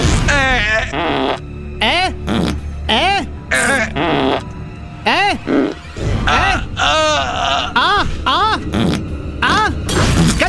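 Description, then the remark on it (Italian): A man's voice, as if fallen to the ground dead, lets out a long run of loud, rasping groans and gurgling moans, rising and falling like an exaggerated death rattle, with brief gasping breaks between them. “Caduto a terra, morto. Qual è il segreto? Sdraiarsi a terra, rantolare.”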